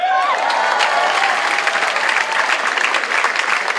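Sustained audience applause, a dense steady clatter of many hands clapping at a constant loud level, with a brief high whistle or cheer at the very start.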